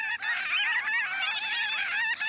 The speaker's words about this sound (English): Look up, a large flock of birds. They're the size of gulls, but a lovely tawny brown with bright cinnamon-colored underwings. The flock's dropping to the mudflat, canting down in orderly waves, shouldering together in a dense mass.